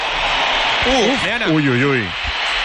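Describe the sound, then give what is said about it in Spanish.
The Bernabéu stadium crowd fills the air with steady applause mixed with whistling as Vinicius comes onto the pitch, a dense roar throughout, while a voice briefly rises above the noise midway. “Yo creo que hay más aplausos que pitos, pero han pitado primero unos cuantos y la mayoría del Bernabéu, en mi opinión, aplaude la entrada de Vinicius después de escuchar unos silbidos.”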